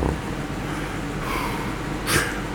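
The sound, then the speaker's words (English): A voice imitates Darth Vader's heavy, rasping mask-respirator breathing: a drawn-out hissy breath, then a short sharp exhale, over a steady low background rumble. “Sound of Darth Vader's heavy breathing is trademarking.”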